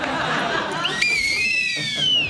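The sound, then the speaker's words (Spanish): A high, wavering whistle tone from two whistles knotted together, being handled, slides up and then gently down, sustained for over a second, with soft background chatter and breathy noise before it starts. “Dos silbatos que se han anudado y que ya por siempre quedarán anudados.”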